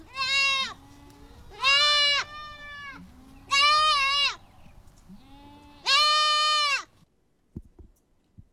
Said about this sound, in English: But that is the sound of a goat, well, a kid. A baby goat.